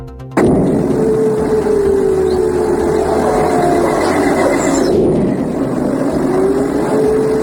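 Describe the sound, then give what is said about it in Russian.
A sudden loud blast gives way to a continuous heavy rumbling roar, with another sharp boom about two-thirds of the way through, like explosions going off, heard in the morning. “Вы слышите эти взрывы?”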